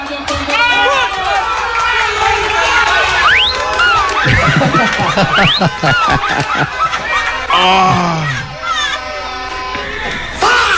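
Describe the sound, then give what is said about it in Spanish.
A crowd erupts in loud, sustained cheering for a Colombia football goal, many excited voices yelling and whooping over one another, with rising shouts and bursts of laughter throughout. “viene el gol de Colombia y lo que es la emoción, ¿no?”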